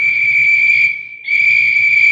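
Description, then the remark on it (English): A loud, shrill warning whistle sounds in two long, steady blasts separated by a brief dip, with a low rumble underneath and no voices, warning of a dynamite blast on a job dynamiting through a mountain. “Hear the whistles, Delaney?”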